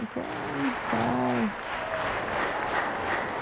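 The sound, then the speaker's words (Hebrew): Sustained, dense applause from a concert audience for the orchestra after a performance of Mozart's Piano Concerto No. 20 fills the whole stretch at a steady level, while a man's voice talks briefly over it near the start. “מוחק כפיים לתזמורת.”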